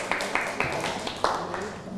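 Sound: classroom applause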